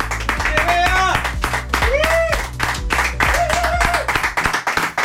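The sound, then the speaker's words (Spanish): A crowd breaks into loud, sustained applause for the woman who prepared and organized the gathering, dense clapping filling the whole stretch while a few voices whoop and cheer over it before it starts to thin out at the end. “Les pido, antes de que haga la presentación y todo lo demás, a todas las personas que forman parte de este espacio, de este momento, un fuerte aplauso para”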